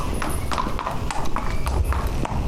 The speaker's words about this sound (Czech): Koně High in the Sky a Godfrey míří od tréninkového kolotoče do stájí.